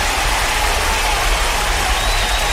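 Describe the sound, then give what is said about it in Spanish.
Dense, continuous applause for a real estate agent, a steady wash of many hands clapping at once that stays loud and even throughout, with no one talking over it. “Por supuesto que sí, un aplauso para el hombre.”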